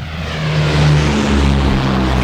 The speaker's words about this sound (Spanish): Esos dos los aviones que despegan, que no son los de ellos. No los ven despegar.